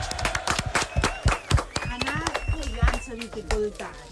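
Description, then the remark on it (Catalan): A crowd applauds a group of parents after a guessing game, with quick, irregular claps for a few seconds while several voices call out and chatter loudly over the clapping. “Molt bé, un aplaudiment per a aquests pares, eh?”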